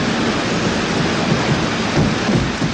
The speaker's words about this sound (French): je vous fais écouter la bande-son de ce film mythique, cette cascade sur le métro, Peur sur la ville. Vous l'entendez, le métro.